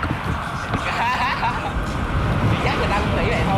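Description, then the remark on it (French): A busy city street ambience in Montreal: a steady wash of passing traffic, including cars with small flags at the windows, mixed with the indistinct chatter of a crowd, many in club jerseys. It is fairly loud and continuous throughout, with voices overlapping but no single speaker standing out. “Donc on voit dans les rues beaucoup de personnes avec le maillot du club, des voitures avec les petits drapeaux aux fenêtres.”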